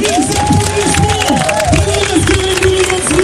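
A large crowd applauds steadily in the rain, the dense clapping loud, with voices and shouts mixed into the continuous wash of noise.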